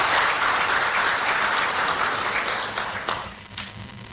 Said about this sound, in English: Thank you very much, Honorable Mahama Ayariga. Oh, another round of applause, please.